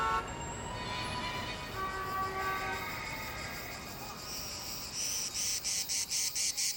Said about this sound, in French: Ouais, c'est l'été, les cigales chantent, à condition qu'il y ait des cigales à Los Angeles, bien sûr.